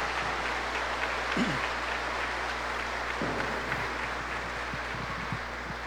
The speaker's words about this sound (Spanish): Un fuerte aplauso para las mamitas. Feliz día para todas.